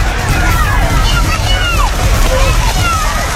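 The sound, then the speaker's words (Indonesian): Continuous heavy splashing and sloshing as pairs of racing cattle, yoked to plough frames and driven by jockeys, churn through a muddy rice field in a traditional race, throwing mud in all directions, with steady rough noise and jockeys' shouts and visitors' laughter underneath. “Cipratan lumpur menggumpal dan berterbangan ke segala arah menjadi atraksi yang menarik.”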